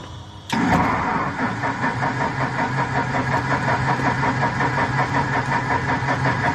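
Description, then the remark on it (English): A propeller aircraft engine is started for the first time after nearly five years of restoration work; it cranks and catches with a sudden loud burst, then settles into a steady, throbbing rumble with a rough, uneven pulse, no voices. “The engine is less than enthusiastic.”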